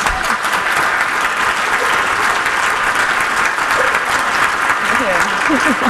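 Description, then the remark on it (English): An audience claps steadily for about six seconds, a dense, loud wash of applause with a few faint voices rising underneath near the end. “Round of applause, guys.”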